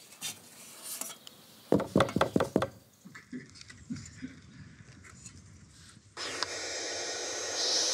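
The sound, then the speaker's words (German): About six sharp knocks rap on a wooden bird nest box in quick succession as a man checks it, followed by soft rustling and then a steady, breathy hissing from the young birds inside that continues to the end. “Da klopfen wir natürlich auch an, wie üblich.”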